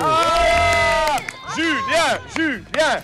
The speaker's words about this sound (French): Mais oui, on applaudit les enfants.